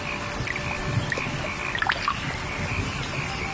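Raindrops patter onto a flooded early-rice paddy in summer in Zhengwu town, Zengcheng, Guangdong, a soft steady wash of water with scattered small splashes and drips, no voices.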